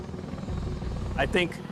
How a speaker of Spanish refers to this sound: Los B-22 Ospreys desplegados en Okinawa despegan como un helicóptero y vuelan como un avión. Son fundamentales para la logística del ejército estadounidense.